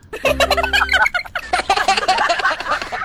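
Egg-laying hens raised in Batangas cluck in a busy, continuous chorus of overlapping calls, loud. A low steady hum sits underneath during the first second.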